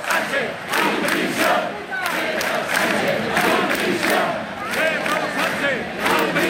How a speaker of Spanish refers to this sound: Durante casi media hora se escucharon consignas como esta, sí es España, o también gritos de Pedro Sánchez dimisión.